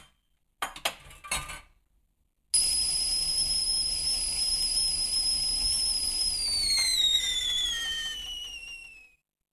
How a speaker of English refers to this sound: Oh, let's get the kettle on. A cup of tea might calm me down.